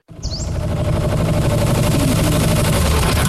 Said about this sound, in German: Wow, das klingt ja nach einem neuen Traktor. Wo hast du den denn her?